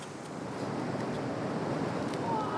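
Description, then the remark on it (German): Waves surge and wash continuously into a rock crevice where a man reaches in to gather shells, a steady rushing and sloshing with no clear breaks and no voices. “Und ab und zu kommt eine Welle rein und haut ihn fast weg, aber das gehört wohl dazu.”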